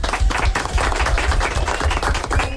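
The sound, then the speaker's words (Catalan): A crowd applauds two correct quiz answers, a dense, steady patter of many hands clapping at once, loud and even throughout with no voices on top. “Un aplaudiment, molt bé.”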